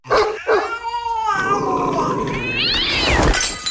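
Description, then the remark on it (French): A cat yowls in long, wavering cries and hisses sharply, tangled with snarling, barking dog noises in a loud, continuous scuffle with no talking. “Les chiens et les chats, c'est comme les piles et batteries dans les sacs PMC. C'est explosif.”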